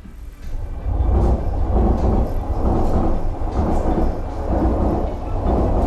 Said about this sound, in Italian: Il suono del treno che passa è una costante nel luogo che sarà al centro della puntata di Battiti di questa notte